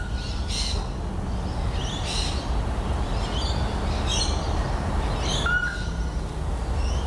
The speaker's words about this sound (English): I feel like that vented bush hen is going too quickly for mine. Mine's like spaced out.